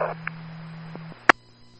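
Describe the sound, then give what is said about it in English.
Garbled radio transmission from a medic unit: a steady electrical hum with a soft hiss of static, a brief crackle near the start, and one sharp, loud static burst near the end. No speech can be made out. “Kick on medic 991, go again, your traffic, you were garbled.”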